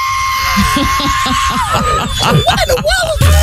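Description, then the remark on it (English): A man voices a long, high, wavering screech somewhere between a whistle and a shriek, mimicking a plane that flew past his house, with loud vocal bursts swooping and bending over about three seconds. “And I heard a screech. I saw that between a screech and a whistle.”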